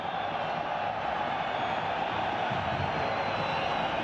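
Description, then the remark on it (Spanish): A large football stadium crowd at a Boca match roars steadily, a dense wash of applause and supportive cheering mixed with whistles, sustained at an even loudness throughout without any single voice standing out. “Bueno, se escucha una mezcla de aplausos, grito a favor y silbidos, ¿eh?”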